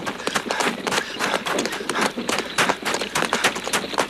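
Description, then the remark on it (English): Rapid, steady hoofbeats of a horse trotting while pulling a wagon, a continuous run of sharp clopping impacts lasting throughout with no voices. “Captain, stop the horse. Whoa! Whoa!”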